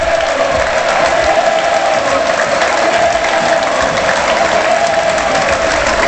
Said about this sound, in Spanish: Ovación espectacular para Enrique Gallego, escuchen el Heliodoro.